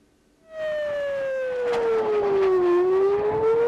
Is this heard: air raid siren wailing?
yes